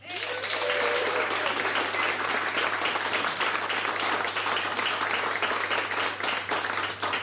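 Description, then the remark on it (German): Sustained audience applause for live performers, a dense wash of many hands clapping at a steady, loud level for several seconds, with a brief murmur of a voice near the start. “Nochmal einen kräftigen Beifall”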